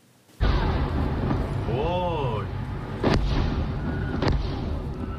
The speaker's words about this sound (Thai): คลิปวิดีโอแสดงให้เห็นเหตุระเบิดบริเวณท่าเรือฮากานีในจังหวัดบันดาอับบาสทางตอนใต้ของอิหร่าน